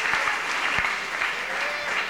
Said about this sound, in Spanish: Y enseguida, hermanos y hermanas, brindemos aplausos también para Arcángel TV, que sin duda ya las familias están viendo.